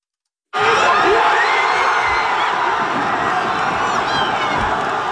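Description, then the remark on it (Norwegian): A large crowd roars and cheers during the night's football World Cup match in which Norway beat Senegal 3-2, a dense wall of shouting and whooping that bursts in after a moment of silence and stays loud to the end; the cheering registered on the seismometer at the University of Bergen. “Heftig jubel under nattens VM-kamp.”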